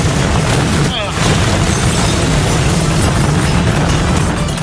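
A toy helicopter crashes with a loud explosion and is left smoking, a dense, roaring burst of noise that dips briefly after the first second and then keeps rumbling steadily to the end.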